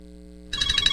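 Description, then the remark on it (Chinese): A telephone starts ringing halfway through with an incoming long-distance call, a loud, rapidly trilling ring that cuts in after a quiet, steady low hum. No one speaks. “咦，老婆，个女佣侍匠打长途电话翻嚟。”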